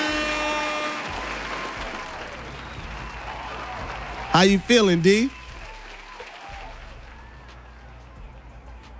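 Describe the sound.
Steady, loud applause welcoming a special guest fills the whole clip as a dense wash of clapping, with a voice briefly calling out over it partway through.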